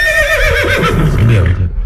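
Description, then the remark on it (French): A horse whinnies loudly, a single drawn-out neigh with shaky, wavering pitch that trails off toward the end, with no talking. “Ah, vous êtes un cheval?”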